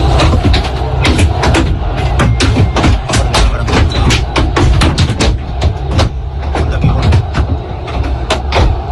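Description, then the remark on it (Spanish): Sharp, irregular thuds and bangs of thrown objects strike the Real Madrid team bus as it arrives at the Camp Nou, heard from inside the bus over a steady low engine rumble, in a rapid, uneven barrage, with some hits louder than others. “Bueno, son 8 segundos nada más, los ha facilitado el club para que vean cómo suena de dentro todo lo que le va cayendo al autobús.”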